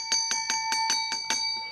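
A small hand bell rings in a quick, steady run of about seven bright dings, each strike ringing with a clear metallic tone that lingers briefly after the last one; on a Thai TV segment, the bell signals that a viewer has a problem to ask about.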